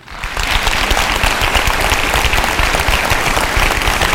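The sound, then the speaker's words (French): People at a parents' meeting clap steadily for those among them who have children, a dense, sustained applause that starts quickly and stays loud and even throughout, with no voices standing out. “Alors applaudissez celles et ceux parmi vous qui ont des enfants.”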